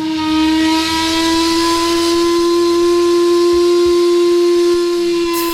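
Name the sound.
steamship whistle blowing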